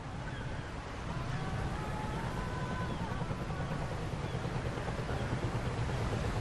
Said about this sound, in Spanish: Aparece un barco en la distancia. Es un barco oxidado y pesquero de arrastre y se mece al ritmo de las olas.